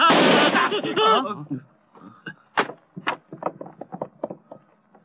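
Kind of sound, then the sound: sound effect, firecrackers exploding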